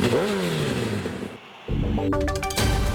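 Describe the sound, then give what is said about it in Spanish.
A loud motorcycle engine revs hard, its pitch climbing and falling, then briefly drops off before roaring back with sharp throttle bursts, in a radio advertisement for Revo motorcycle spare parts. No one speaks. “Con repuestos Revo, lleva tu moto a otro nivel.”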